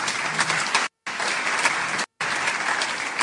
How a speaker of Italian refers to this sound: La accogliamo con un grande applauso.